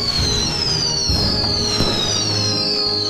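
Fireworks go off, with high whistling tones sliding downward over a steady rumble and two sharp, booming bursts partway through. Continuous and fairly loud, with no voices.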